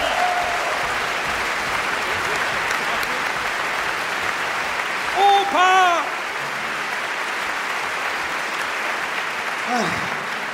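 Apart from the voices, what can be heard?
audience applause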